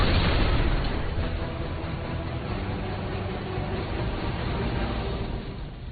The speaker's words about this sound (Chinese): 你快走开，艳艳，快走，车要爆炸了